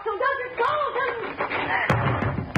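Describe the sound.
A couple of heavy thuds against a locked door, like fists pounding, land near the end over loud, agitated voices talking throughout.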